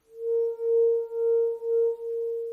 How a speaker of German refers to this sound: Resonanz, vielleicht erinnern Sie sich an Ihren Physikunterricht, bedeutet, dass ein Objekt mit einer externen Schwingung in einer bestimmten Frequenz mitschwingt. Wie ein Weinglas, über dessen Rand man mit dem Finger fährt.